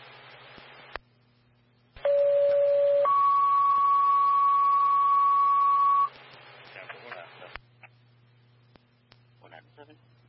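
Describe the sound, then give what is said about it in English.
A loud two-tone dispatch alert over a radio channel during testing: a short lower tone, then a longer, higher steady tone lasting a few seconds, with brief radio voices crackling before and after. “Stand by for phones on testing.”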